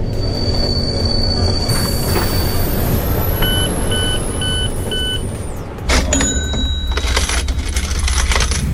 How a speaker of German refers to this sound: Also los, unser Zug hält mal wieder. Nächster Halt, Frankfurt Hauptbahnhof.